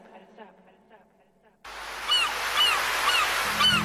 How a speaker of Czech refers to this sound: Prije jutra u zoru budimo vas uz galebima na moru, glazbom vodimo vas na plažu snova.